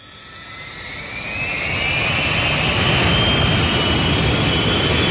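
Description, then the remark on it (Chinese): Steady jet engine roar inside an airplane cabin on a flight to Shenzhen, swelling over the first two seconds and then holding as a loud, constant drone with a thin rising whine on top. No voices. “在飞往深圳的飞机上，他无聊地翻看着空姐送来的报纸。”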